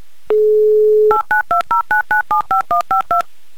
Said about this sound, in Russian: Пропищал набор номера, дожидаемся гудков, но они опять короткие.